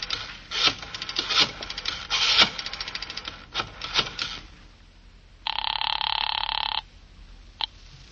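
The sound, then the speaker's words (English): Scraping, fumbling handling noises as someone finds their way to the phone fill the first few seconds, then a telephone at the Fifth Precinct rings once in a single loud, steady electronic burst, followed by a brief click. “Well, I leaned over, shook my head a couple of times, got the eyes rolling around until I felt them drop into place, then I found my way to the phone.”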